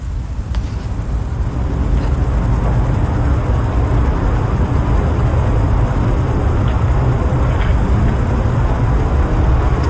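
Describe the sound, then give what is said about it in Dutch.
A steady, high-pitched chirring of crickets in the Achterhoek runs unbroken through the night air, layered over a constant loud low rumble; no voices are heard. “De krekels die je niet alleen hoort op je zonnige vakantiebestemming, maar ook gewoon in de Achterhoek.”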